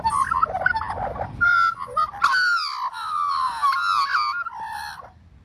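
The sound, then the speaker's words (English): Australian magpie calls, a rich warbling carol of fluting, gurgling notes that rise and slide continuously for several seconds, loud, with no voices present. “Let me give you a moment of magpie then as we get to know it better.”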